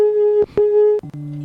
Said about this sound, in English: Tones.